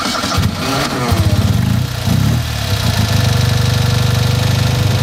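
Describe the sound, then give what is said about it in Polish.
The small engine of a Fiat 126p car, started with the ignition and a start button, cranks and catches, sputtering unevenly for a moment before settling into a steady, loud, rattly idle, with no talking. “I poszło, tak? I mamy ten charakterystyczny dźwięk malucha.”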